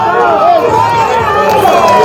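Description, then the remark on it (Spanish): A crowd cheers and claps loudly, with many voices shouting over steady applause that keeps going for the full two seconds. “Fuerte de los aplausos.”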